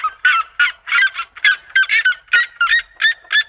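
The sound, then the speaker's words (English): A red-legged seriema, a large, long-legged terrestrial bird of South American open grasslands, gives a loud call averaging nearly 121 decibels: a rapid, steady series of about a dozen harsh, nasal honking notes, fairly high-pitched and goose-like, with no voices over it. “So it's a large, long-legged terrestrial bird that inhabits open grasslands in South America.”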